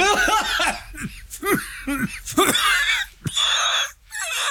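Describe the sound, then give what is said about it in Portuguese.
A burst of rhythmic, high-pitched laughter with rising and falling whoops breaks into harsh, raspy coughing and choking sounds, loud and strained, as if the laugh went down the wrong way. “Ri-se tanto que se engasga.”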